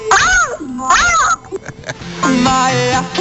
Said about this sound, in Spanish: Ya está en celos, esa gata. Ya está en celos. Ah, no, buscando hombres.